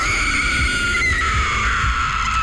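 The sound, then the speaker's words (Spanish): The ghostly wailing cry of La Llorona in a promo for the radio drama La Novela, drawn out as one long, high, wavering tone that slowly sinks in pitch over a low rumbling bed, loud and steady with no talking. “Nos dimos cuenta del porqué el llanto de la llorona.”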